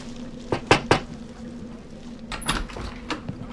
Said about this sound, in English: Lord, we ask you to protect us from harm and provide for us as we're about to knock on this stranger's door.